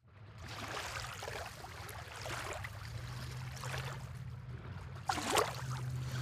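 Sea water sloshes and laps in soft, irregular splashes at a small picturesque harbour with small caique boats, on a day that is not sunny, over a steady low rumble, with one brighter, louder splash near the end; no voices.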